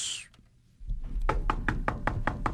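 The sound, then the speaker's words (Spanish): A rapid, steady run of about eight loud knocks on a door, beating out an even rhythm over a low background rumble after a brief quiet moment. “Ay, ¿quién está tocando la puerta tan...?”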